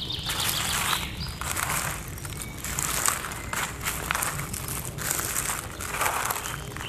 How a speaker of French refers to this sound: Je vous propose de découvrir les paysages sonores du Piémont pyrénéen. Ici, en ce début de printemps. Florilège des oiseaux qui gazouillent.